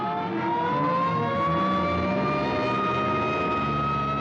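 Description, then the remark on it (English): An ambulance driving out wails its siren in a long, slowly rising tone over the low rumble of its engine, loud and steady throughout, with no voices. “Hey, here comes an ambulance out.”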